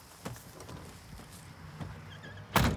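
Faint clicks and knocks give way to a loud thud near the end as doors are slammed shut at the end of the day at Rally Japan, with no voices.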